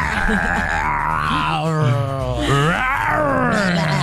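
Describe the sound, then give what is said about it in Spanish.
A person growls out a long, loud imitation of a roar, a strained guttural voice rising and falling over about four seconds. “Bueno, te toca a ti tu rugido”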